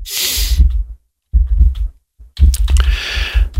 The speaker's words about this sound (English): And I do apologize. You can hear keyboard noise. I will apologize for that. The way it was written, and even some of the reviewers said that this stand helps eliminate that noise. No, it don't.